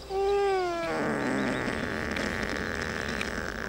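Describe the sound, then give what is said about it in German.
A sedated ibex, not yet fully under, gives a short, loud bleat with a slightly falling pitch, then breaks into a long, steady, raspy snoring breath lasting several seconds. No one speaks. “Ja, ich denke mal, das ist so eine Art Schnarchen, vielleicht auch noch ein bisschen was meckern, weil er noch nicht ganz weg ist.”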